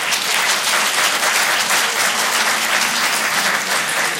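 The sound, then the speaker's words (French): A live audience in Rochefort claps steadily to answer whether they like mountain ski holidays. It is a dense, sustained wash of many hands throughout, fairly loud, with no talking over it. “Tiens, par applaudissement, juste pour savoir, est-ce qu'il y a des gens ici à Rochefort qui aiment partir en vacances à la montagne, au ski?”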